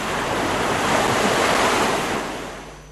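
A wave surges onto the shore in a broad rushing wash that swells, peaks midway, and slowly recedes. No voices accompany it.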